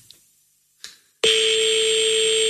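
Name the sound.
telephone ringing tone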